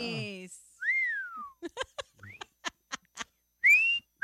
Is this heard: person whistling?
yes